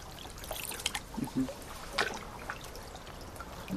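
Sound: river water flowing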